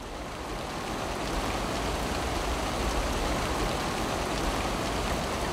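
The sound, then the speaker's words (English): Steady, soft spring rainfall patters continuously over Wadyong wetland, a dense even hiss of drops with no voices, holding at a constant moderate level throughout. “A gentle spring rain falls over Wadyong wetland.”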